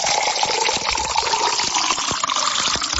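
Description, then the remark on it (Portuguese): Water pours steadily into a glass for about three seconds, a continuous gush with small splashes and gurgles, fairly loud, with no voices. “Essa água tá boa, não tá? Vamos tomar até mais um copo agora, mais um.”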